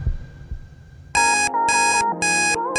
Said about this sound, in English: The aim of the game is to ignore the alarm sound and listen for the song in the background. Are you ready? What's the alarm?